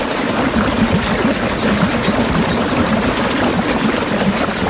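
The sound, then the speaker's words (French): A mint syrup drink is poured steadily into a glass with ice cubes, a continuous stream of liquid splashing and gurgling for several seconds, fairly loud, with no voices. “Et puis les glaçons, la menthe à l'eau.”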